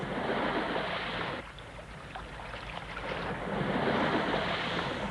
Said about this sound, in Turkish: Bir tekne geliyor sahip.